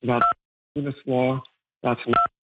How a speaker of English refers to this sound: I think you're pressing the button on your phone while you talk, so just take care with that, please.